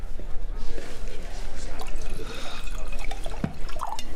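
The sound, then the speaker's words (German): A 2011 Burgundy wine is poured into a glass in a steady, gurgling stream, its pitch rising slightly as the glass fills, with a few faint drips and a background murmur of voices. “Ich glaube, da drüben können Sie direkt einschenken.”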